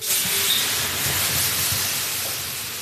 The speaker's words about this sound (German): gießt eine große Kelle Wasser über die heißen Steine.